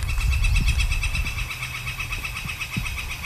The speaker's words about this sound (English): So that's a northern flicker calling there.